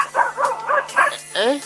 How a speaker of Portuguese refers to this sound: Tem cá um aí. Tem cão aqui. Tem cão, eu estava a pensar que é cão que está a ligar.